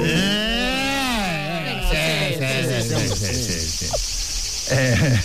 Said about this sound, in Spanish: Veraniego. Grillo. Chicharra.